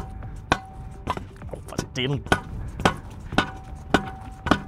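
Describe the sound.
A reporter strikes something solid with a hammer again and again during a live radio broadcast, about nine sharp knocks at a steady pace of roughly two per second. A short voiced sound comes briefly midway.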